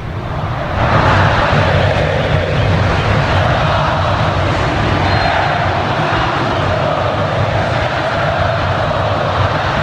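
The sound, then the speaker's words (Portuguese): A football stadium crowd of Atlético ('Galo') supporters roars during a match in a dense, steady wash of noise that swells in just after the first second and holds loud and unbroken to the end. “A torcida aumenta o volume, escutem só o frisson da massa atleticana.”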